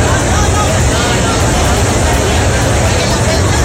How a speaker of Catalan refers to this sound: Aquest era el so, per exemple, de les aglomeracions que ja es van viure en alguns punts de la xarxa ferroviària de Catalunya, bàsicament a Tarragona, és el que estàvem sentint ara mateix